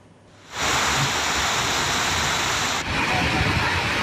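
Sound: floodwater rushing through streets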